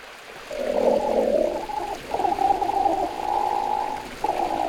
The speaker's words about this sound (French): Ah, j'entends un grognement. Ça, c'est un ornithorynque. Pour le voir, direction l'est de l'Australie. C'est là qu'il vit, le plus souvent dans l'eau.